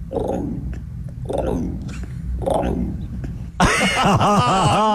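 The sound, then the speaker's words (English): A person imitates an emu with a series of deep, throaty booming pulses, three in a row, then breaks into a sudden loud, wavering, higher-pitched vocal warble. “Oh, yeah, give us an emu.”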